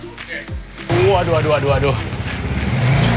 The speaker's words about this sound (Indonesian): Saya akan membawanya ke rumah produksi yang berjarak sekitar 200 meter menggunakan motor. Bahkan motor sampai masuk ke dalam rumah produksi karena saking beratnya.